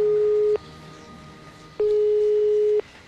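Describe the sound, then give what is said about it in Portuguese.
A telephone ringback tone while calling a company's phone number: a steady, mid-pitched electronic beep sounds in long pulses about a second each, with a short pause between, clear over faint line hiss, no talking. “Então tomei coragem e liguei para o número de telefone da empresa que ele trabalhava.”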